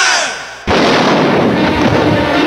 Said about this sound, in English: You're right. That was a gunshot you heard. It's a scene from our new picture, The Man Who Knew Too Much.